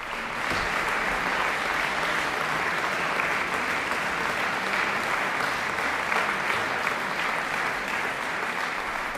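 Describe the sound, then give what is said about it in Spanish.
A concert audience applauds steadily for performers Julia Fischer and Juliana Avdiiva after the last work of their programme at the Sala Rossini in Bad Kissingen, Kissinger Sommer Festival, 14 June. A dense wash of many hands clapping at once, sustained and fairly loud throughout, with no voices standing out. “Y a estos aplausos del público, las intérpretes respondían con un bis, Mélodie, la última de las tres piezas que componen Souvenir d'un lieu cher o Recuerdo de un lugar querido, el opus 42 de Tchaïkovski.”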